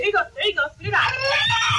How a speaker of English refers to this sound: Success. You can hear the frightened little guy wailing with his airway clear.